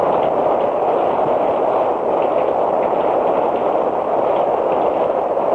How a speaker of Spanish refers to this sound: La lluvia empieza a caer.